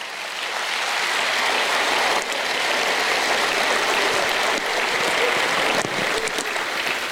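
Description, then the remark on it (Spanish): A loud, sustained burst of applause from a large audience, given for the mothers of old, dense clapping filling the room steadily for several seconds with no voices on top. “Fuerte el aplauso para las madres de antes.”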